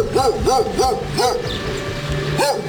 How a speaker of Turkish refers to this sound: Bazen tek, bazen sürü halinde geziyorlar. Mahalleli çocuklarını tek başına sokağa çıkarmaya korkar halde. Nedeni sayıları giderek artan sokak köpekleri. Sürü halinde geziyorlardı köpekler.